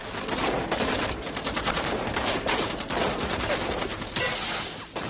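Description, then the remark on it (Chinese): Dense, relentless gunfire crackles without pause during a night battle on Hill 346.6, mixed with heavy explosions of hand grenades and of grenades fired by American troops, all loud for the full stretch with no voices. “密集的枪声、手榴弹和美军发射的榴弹爆炸声交织在一起。”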